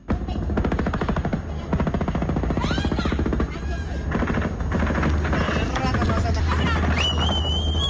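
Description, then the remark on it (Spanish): Loud explosions and rapid cracking blasts from explosives dropped by drones among a civilian population near an indigenous reserve go off in a steady, rattling barrage for several seconds, with distressed voices and shouting mixed into the din. “Desde la comunidad nos reportan la activación de explosivos lanzados desde drones en medio de la población civil.”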